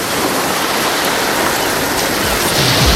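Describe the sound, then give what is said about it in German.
Steady, loud roar of ocean surf washing continuously, a dense hiss of breaking waves with a slight low surge swelling near the end. No voices. “Im Hintergrund ist Meeresrauschen.”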